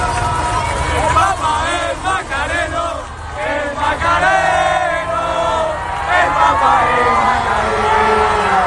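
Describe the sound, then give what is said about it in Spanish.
Young members of the Macarena brotherhood in Madrid shout and cheer together at the sight of the Pope, chanting "el Papa es macareno" (the Pope is Macarena) in a loud, rhythmic chant, the overlapping yells forming a continuous crowd roar that swells and falls. “Por eso los jóvenes de la hermandad que han estado esta mañana en Madrid al verlo le han gritado esto: el Papa es macareno.”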